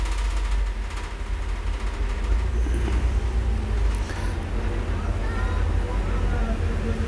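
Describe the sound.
Steady traffic on Boulevard Saint-Germain in Paris rumbles throughout: cars, motorcycles and a postal van turning into rue du Four, with a couple of vehicles swelling past around the middle. Indistinct voices murmur faintly.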